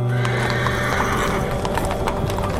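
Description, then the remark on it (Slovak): Busy street ambience on the Korzo promenade of the Ringstrasse at Cirk Ecke in Vienna, 1914, with groups of people about: repeated horse hoof clip-clops and wheel rattle under a steady wash of crowd murmur and traffic noise, moderately loud and continuous, with no clear speech. “Viedeň 1914, Korzo na Ringstrasse, Cirk Ecke, ruch a šum, hľúčiky ľudí.”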